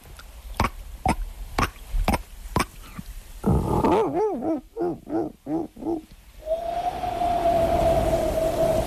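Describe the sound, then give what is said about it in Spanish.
A person imitates a dolphin with their voice: a quick series of sharp clicks, then several rising-and-falling squeaky chirps, ending in a long steady high-pitched whistle. “Mira, joder, al mar y todo, te puedo hacer un delfín.”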